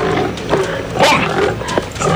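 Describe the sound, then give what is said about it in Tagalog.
A pig growls and snorts in rough, gravelly bursts, loud, with several harsh surges over a steady rumbling background and no talking. “Baboy nga nagabakya.”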